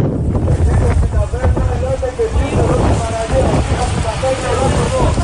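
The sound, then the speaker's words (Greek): Coast guard boat engines drone steadily as the boats approach Preveli beach, which is surrounded by a wildfire front, over heavy wind buffeting from 8 Beaufort winds and rushing water, with faint, indistinct voices mixed into the loud, continuous outdoor noise. “Καφή του λιμενικού προσεγγίζουν την παραλία της Πρέβελης που έχει περικυκλωθεί από το πύρινο μέτωπο.”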